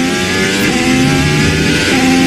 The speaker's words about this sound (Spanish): ¿Escuchan eso? Es el sonido de un motor de un coche de Fórmula 1, un monoplaza que puede llegar a alcanzar los 378 km por hora.